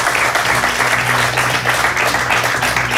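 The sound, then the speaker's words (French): Sustained audience applause welcoming Anne-Laure Jacquemart, finance director of IKEA, who comes to present an award: a dense, steady wash of many hands clapping at an even loud level throughout, with a faint low hum underneath and no speech. “Et pour remettre ce prix, merci d'accueillir Anne-Laure Jacquemart, directrice financière d'IKEA, que l'on peut applaudir.”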